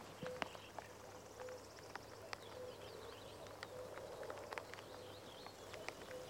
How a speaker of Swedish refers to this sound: Så att, och göken ropar där bakom dig så att nog känns det som maj i ljudbilden. Ja, nu är göken igång. Ska vi lyssna lite?